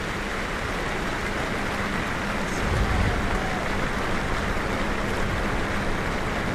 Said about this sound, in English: They'll now try to move the stretcher onto the cart. But obviously that Cyclone sideline is concerned. We all are. And you can hear the crowd applaud as they get him onto the cart.